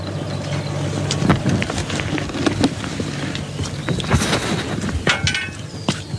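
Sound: rain falling outdoors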